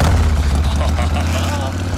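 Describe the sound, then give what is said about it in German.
A Harley motorcycle engine rumbles at idle, a loud, deep, steady throb with a slightly uneven low pulse that holds unchanged throughout. “Ich liebe diesen Sound.”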